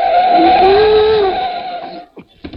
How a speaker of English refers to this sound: So she won't hear me coming down the stairs. I'll slide down the banister.